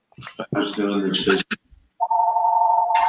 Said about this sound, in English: I don't know whose phone that is. That's somebody that wants to rent your property.